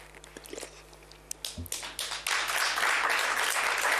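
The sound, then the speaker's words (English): Scattered claps start an audience applause that quickly swells into a dense, steady wash of clapping from many hands. “Thank you for clapping so I can advertise my mother company, NPC, here, while it's also helping me.”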